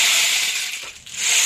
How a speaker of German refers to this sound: Ja, es ist eigentlich ein Percussion-Instrument, das kann man auch kombinieren. Genau. Oh, oh. Klingt wie ein Regenmacher, so ähnlich ist es auch.